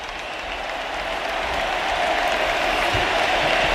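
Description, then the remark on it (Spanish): A huge crowd at Arrowhead Stadium roars and applauds in an ovation for Leo Messi as he leaves an Argentina match, a dense, continuous wall of sound that swells slightly louder as it goes on, with no individual voices standing out. “Y vamos a escuchar ahora a la Arrowhead Stadium con ovación a Leo Messi.”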